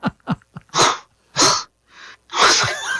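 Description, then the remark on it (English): Loud, breathy horse-like exhalations: a few quick clicks and puffs, then three forceful snorting bursts with a fainter breath between them, with no talking. “it's the repugnant take that we're talking about, not the horse exhalation, all right?”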